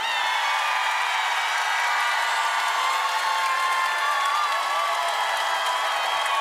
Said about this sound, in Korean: 아유 고맙습니다. 박수 치고 함성 지르신 분들 복 많이 받으십시오. 고맙습니다.